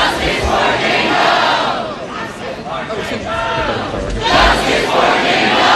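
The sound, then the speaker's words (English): A crowd of protesters at Cornell University shouts "justice for Jane Doe" in unison over the school's response to sexual assault allegations at a fraternity house, loud and continuous, with rising and falling chants of many voices blending into a rough roar that swells again near the end. “Protesters shouting justice for Jane Doe over the school's response to allegations of sexual assault at a fraternity house.”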